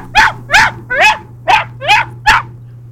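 A puppy yelps and whimpers in six quick, evenly spaced high-pitched barks, fairly loud over a low steady hum, with no talking.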